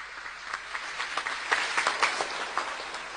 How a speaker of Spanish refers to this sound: Y por supuesto, a todos los niños y las niñas, muy feliz día de los que están acá especialmente. Un fuerte, fuertísimo aplauso.